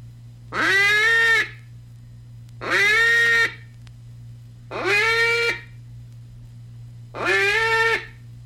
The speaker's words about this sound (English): Let's start now by making one long, loud quack, and remember to cut the note off sharp. Start with a hand closed and open as you blow.